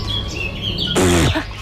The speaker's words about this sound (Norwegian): Gå inn i radioappen, og vi stemmer på da lyden som jeg har kalt Fuglene synger så pent